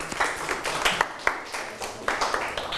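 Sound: classroom clapping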